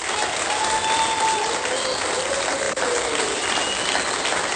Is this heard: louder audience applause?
yes